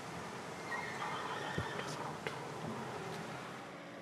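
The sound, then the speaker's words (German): Horses on a farm that keeps 28 horses give a faint, drawn-out whinny that rises and fades over a low background hum, with a few soft knocks scattered through the quiet recording. “Hier auf dem Hof möchte keiner lange 28 Pferde per Hand versorgen.”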